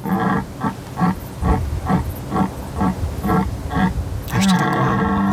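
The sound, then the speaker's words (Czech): A European red deer stag bellows in a rapid series of deep, rhythmic grunting roars, about ten in a row, then lets out a longer, louder bellow at the end. “Na rozdíl od Jelena Evropského, kterého si teď můžeme poslechnout, to je něco jiného.”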